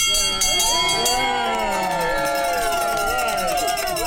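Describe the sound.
A bell rings repeatedly in quick strokes, its bright tone ringing on beneath a lively crowd of overlapping voices and cheering.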